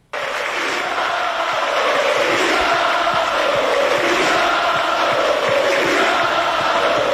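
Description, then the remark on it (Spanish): A large stadium crowd in Santander, Spain, roars continuously, fans cheering and chanting together in farewell to Gustavo Puerta, a dense, sustained wall of voices that holds steady from start to finish. “La afición lo saluda para radio y él aplaude, saluda a la tribuna.”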